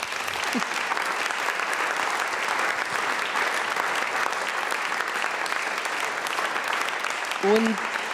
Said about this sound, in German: Einen Applaus für Thomas Doss.